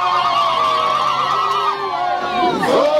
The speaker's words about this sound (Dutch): We gaan vechten als we buitenlanders tegenkomen, wordt er hier gezongen in de taal Zulu.